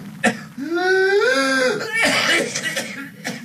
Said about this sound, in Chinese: 接下来我们来听最后一段咳嗽的声音。